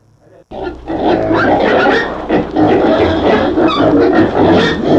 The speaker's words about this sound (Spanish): ¿Cómo andan los chanchos aquí en el zoológico? ¿Y dónde está el...? ¡Ay, mamacita, ahí está el león!